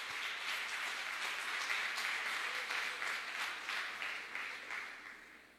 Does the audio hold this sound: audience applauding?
yes